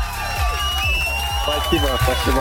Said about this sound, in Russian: Ты ответил абсолютно правильно. Эти аплодисменты для тебя и колонка тоже.